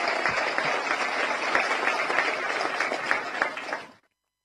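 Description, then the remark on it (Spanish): A crowd in Capocú applauds steadily to cheer on a speaker expected to become president, dense overlapping claps forming a loud, continuous wash of sound for about four seconds before stopping abruptly. “Y yo sé que vos querés hacer eso y vas a ser presidente, así que te animamos con un fuerte aplauso.”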